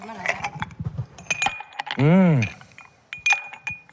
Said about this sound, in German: Mit gerade frisch desinfizierten Händen ein Eiswürfel ins Gesicht. Das klingt gut, ja, Eiswürfel.